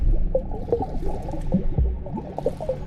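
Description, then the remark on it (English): Water sloshes and laps in a steady, irregular rhythm as a person bobs in a kidney-bean-shaped swimming pool, small waves slapping and gurgling against the pool's edge, with no voices present. “I bobbed in the water, making waves and listening as they slapped against the edge of the pool.”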